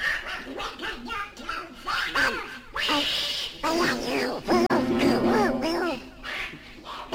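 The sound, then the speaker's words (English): A duck inside a piano quacks loudly in a rapid, excited run of harsh, nasal squawks that carry on almost without pause for several seconds. “I'm not bloody well playing this thing with a blinking duck in my piano.”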